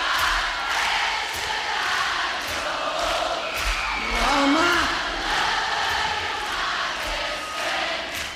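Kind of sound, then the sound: crowd, concert audience singing along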